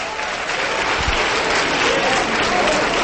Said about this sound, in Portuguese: Vamos aplaudir, vamos aplaudir. Aplaude, aplaude, porque aconteceu o maior milagre da terra.